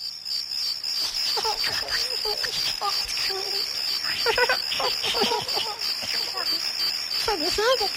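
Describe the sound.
A steady, high-pitched chorus of crickets trills continuously throughout, with muffled voices and indistinct talk rising and falling underneath, as if heard outdoors at night.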